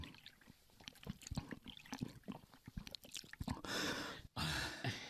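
Wet gulping and swallowing sounds come in quick bursts, then water is poured in a steady, splashing stream with a brief pause before pouring resumes, as a street water seller serves a thirsty customer in hot weather. No one speaks.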